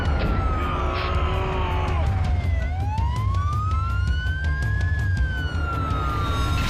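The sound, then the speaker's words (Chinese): A fire truck siren wails loud, its pitch sweeping down and then slowly rising again over a heavy, steady rumble of engine and street noise, as the fire truck is stuck. “消防车卡死了，卡死了，用力用力啊！”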